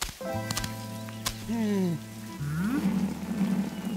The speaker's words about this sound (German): Ja, ich schau mal schnell nach der Regentonne. So wie das heute regnet, läuft sie bestimmt über.